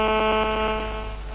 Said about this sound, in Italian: Che cos'è questo rumore? No, mi sta squillando il telefono.